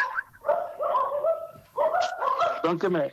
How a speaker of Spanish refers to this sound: Están ladrando, porque esos perritos chiquitos además saben